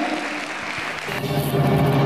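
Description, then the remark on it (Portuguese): An audience claps in praise of the Lord God in steady, dense applause that fills the whole clip at a fairly loud, even level, with a faint tonal hum of music or voices rising underneath partway through. “Então aplaudo graças o nome do a Senhor Deus.”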